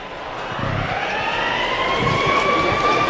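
An alarm siren sound effect, sounded during a baseball broadcast, wails in a single long, slowly rising tone with buzzy overtones. It holds steady and loud for the whole stretch over a rough, noisy background, with no one speaking.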